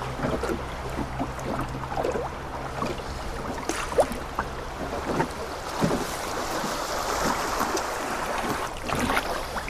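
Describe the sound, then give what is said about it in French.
Fast river current rushes and gurgles steadily around a small boat in the middle of the current, a continuous wash of water with occasional splashes and a faint low hum underneath. No one speaks. “Et là, on est en plein milieu du courant.”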